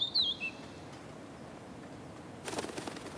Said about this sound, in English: Wild woods with lots of deadwood are the ideal habitat for a tiny master singer. The pygmy flycatcher loves the natural beech woods that surround Lake Toplitz.